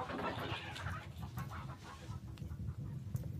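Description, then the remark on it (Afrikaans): A flock of chickens in a henhouse cackles and clucks in frightened, agitated bursts on seeing a fox, busy and overlapping, with a steady low rumble underneath. “Die hoenders kekkel bang toe hulle die jakkals sien.”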